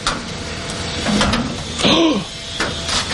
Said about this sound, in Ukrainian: Не стоїть світ на місці і для мешканців цієї 16-ти поверхівки іще радянської доби. Просто під під'їздом вхід у бомбосховище. Двері відчиняє комбінація цифр.